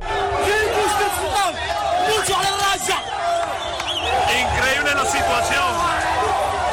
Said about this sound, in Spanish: Lo que escuchamos al fondo son los gritos de miles de migrantes que han llegado nadando o saltando la valla fronteriza desde Marruecos hasta el enclave español de Ceuta.